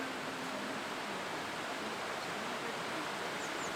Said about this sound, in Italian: Le acque rumoreggiano rispettose